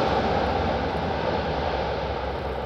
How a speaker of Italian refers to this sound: Canadere ed elicotteri del corpo forestale sono in azione nel territorio di Zafferana Etnea e nel Messinese, tra Castelmole, Mongiuffimelia e Aitala.